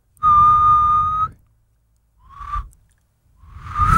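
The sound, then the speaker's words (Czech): A person whistles one long, steady, loud note, then after a pause gives two shorter, breathier whistles that swell and slide upward, with no talking. “tak jako tak jak písknem, tak dobře, tak jo, tak si pískněte.”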